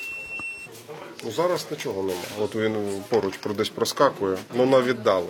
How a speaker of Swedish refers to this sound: Sjukvårdsstationen här har sin egen lilla drönarvarningscentral. Det blippar och piper från en skärm och det indikerar att drönare finns i området, men på ganska långt håll.